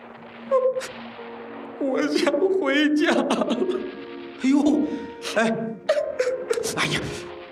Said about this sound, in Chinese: 你哭什么呀？